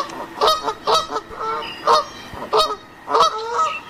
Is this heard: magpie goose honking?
yes